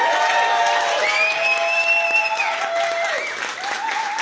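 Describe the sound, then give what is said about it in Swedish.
Steady, loud audience applause at a televised song contest final as a finalist comes onto the stage. It fills the whole stretch, a dense wash of clapping with cheers rising over it and a sustained musical tone sliding underneath, continuing without pause. “En varm applåd för honom.”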